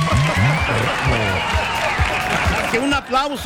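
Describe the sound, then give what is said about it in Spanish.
Steady applause from a crowd fills the background throughout, with voices talking loudly over the dense clapping. “Más que un aplauso.”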